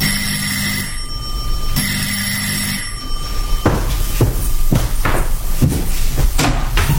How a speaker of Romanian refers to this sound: Într-o sâmbătă dimineața, în timp ce îmi făceam micile treburi gospodărești, cineva a sunat energic la ușă.